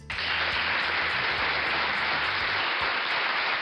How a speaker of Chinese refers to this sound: 好，这个掌声是送给老耕牛和小马的啊。